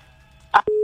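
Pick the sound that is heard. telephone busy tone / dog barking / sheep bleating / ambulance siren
telephone busy tone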